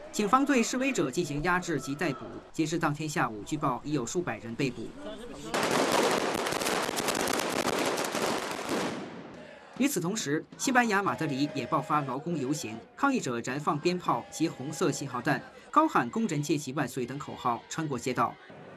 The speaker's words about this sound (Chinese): 在伊斯坦布尔市中心，当局出动大量警力及防暴车辆控制局势，不少抗议者聚集在警方人墙前高喊口号进行对峙。